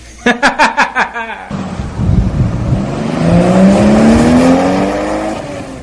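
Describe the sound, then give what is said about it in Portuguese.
A luxury car's engine revs and accelerates hard, its pitch climbing steadily over a rushing roar, after a few short rhythmic bursts at the start; loud, with no one talking. “era Elmo Bruno, o amigo inseparável, que a divertia quando o carro de luxo parecia comer o chão”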